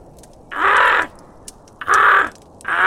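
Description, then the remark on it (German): Ravens cawing outside, high in the crown of the big raven oak, in loud, harsh bursts, three croaking calls spaced about a second apart, with a faint outdoor background between them. “Was ist das wieder für ein Gekrächze da draußen?”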